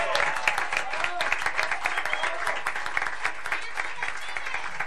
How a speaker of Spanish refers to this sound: Un aplauso